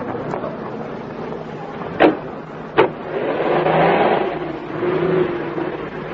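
Two sharp clunks, then a car engine turns over and revs up into a steady, swelling roar that holds fairly loud for several seconds, with no talking.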